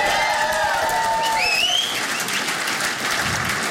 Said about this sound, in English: Let's get a round of applause for America.